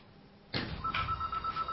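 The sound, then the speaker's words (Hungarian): After a moment of quiet, a telephone line clicks open and a steady electronic ringing tone sounds, fairly loud, continuing to the end with no one talking. “Telefon.”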